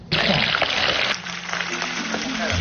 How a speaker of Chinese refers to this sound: 切好的鲅鱼和豆腐放入油锅炸至金黄，等待与其他食材发生一场完美的邂逅。